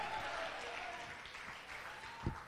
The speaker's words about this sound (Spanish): Dele ofrenda de palmas al que vive, a su nombre.